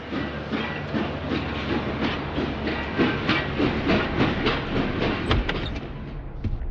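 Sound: train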